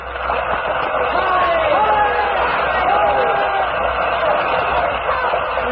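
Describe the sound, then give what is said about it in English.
A large theatre audience cheers and applauds as the curtain lowers, a loud, continuous roar of voices and clapping that holds steady throughout, with no single speaker standing out. “As the curtain lowered, the people stormed their approval.”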